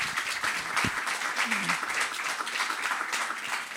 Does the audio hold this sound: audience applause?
yes